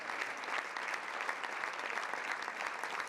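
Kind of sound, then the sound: crowd, theater audience applause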